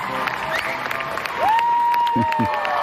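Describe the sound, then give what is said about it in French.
A crowd applauds a musician's solo steadily in a dense wash of clapping, while a long, piercing whistle cuts through partway and short shouts of cheering rise near the end. “Sterling Naza a évidemment une salve d'applaudissements rien que pour lui.”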